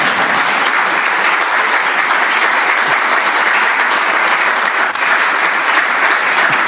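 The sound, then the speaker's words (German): Sustained audience applause, a dense steady wash of many hands clapping at an even loudness for several seconds, with no voices standing out above it, from a large audience gathered for a day's event in Heiligenkreuz. “Also wenn Sie nicht klatschen wollen, mache ich gleich weiter.”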